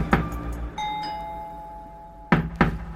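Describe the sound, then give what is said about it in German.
Sharp knocks on a door: one loud rap, then a sustained bell-like ringing tone that slowly fades, followed by two more quick knocks. No one speaks. “Jemand klopfte an seine Tür.”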